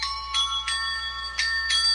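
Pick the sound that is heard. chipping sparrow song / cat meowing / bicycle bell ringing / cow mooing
bicycle bell ringing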